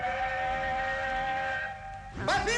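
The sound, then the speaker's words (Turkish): A train's whistle blows in a long, steady, loud tone over a low rumble, then breaks into a short wavering burst as it sweeps past a road closed at a barrier for it to pass. “Oysa trenin geçmesi için yolu kapattılar.”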